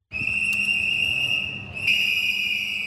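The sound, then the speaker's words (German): A group of protesters with whistles and banners blows whistles outside the Vienna Actionism Museum in Vienna, protesting its Mühl exhibition; a continuous shrill, piercing tone with overlapping blasts, loud, over a low murmur of outdoor noise. “Eine Gruppe mit Pfeifen und Transparenten protestiert vor dem Wiener Aktionismusmuseum.”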